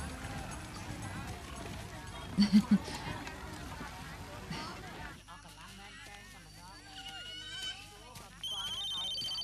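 Toward the end, a phone rings with a bright, clear electronic tone. Before it there is a stretch of muffled noise and a few soft thumps.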